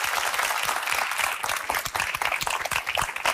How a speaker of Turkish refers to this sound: Bir alkış rica edeceğim.